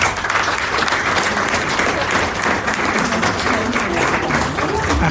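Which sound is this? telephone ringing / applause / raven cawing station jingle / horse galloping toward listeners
applause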